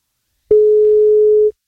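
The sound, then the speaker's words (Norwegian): A single steady electronic telephone ringback tone of an outgoing call to a contest participant, a pure mid-pitched beep lasting about a second, loud, with silence before and after and no voices. “på NFM som ringer deg”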